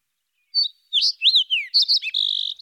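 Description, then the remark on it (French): A sparrow chirps in a quick run of bright, high notes, several short tweets followed by a rapid trilled burst, clear with no voices. “Moi, je suis le moineau curieux.”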